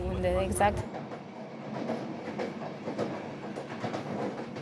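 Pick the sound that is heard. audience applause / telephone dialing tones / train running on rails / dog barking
train running on rails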